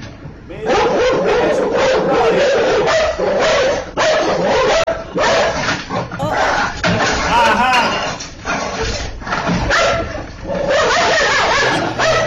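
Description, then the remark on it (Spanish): Two dogs that came out at the porch of a house bark and yip in quick, overlapping bursts, loud, keeping up a nearly continuous racket with occasional whimpers while a person's voice briefly cuts in. “Salieron esos dos perros y vamos a ver lo que sucede.”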